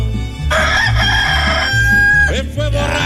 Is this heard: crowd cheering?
no